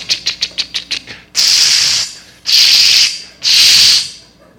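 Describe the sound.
A spray paint can rattles through about nine quick shakes, then lets out three steady, bright hissing sprays, each lasting close to a second with short pauses between. No voices.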